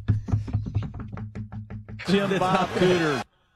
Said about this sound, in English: Knock if you agree with me.